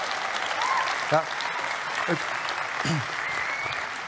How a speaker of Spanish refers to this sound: Vamos, se va a aplaudir, mujeres. Tiene que integrarse acá tantito, ayúdeme.